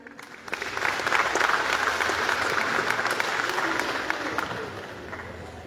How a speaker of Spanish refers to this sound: Recibimos con fuertes aplausos